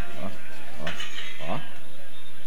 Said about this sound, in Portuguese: Escuta as batidas do martelinho, ó.